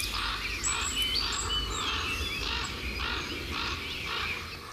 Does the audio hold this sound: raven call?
yes